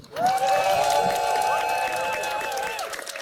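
An audience claps steadily for about three seconds after a speech, a dense patter of hands mixed with sustained whoops and cheering voices, loud throughout and tapering slightly at the end.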